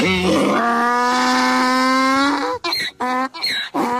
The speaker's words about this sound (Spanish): Ahí está el sonido del burro.